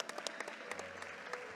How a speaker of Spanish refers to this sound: Un aplauso para